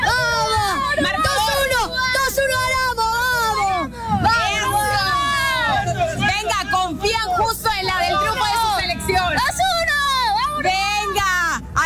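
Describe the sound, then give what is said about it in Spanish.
Uruguay football fans chant and cheer together, predicting the day's result, a dense, loud crowd of overlapping voices rising and falling in pitch without a break for about twelve seconds. “Ahí están escuchando justamente el pronóstico de los aficionados de Uruguay.”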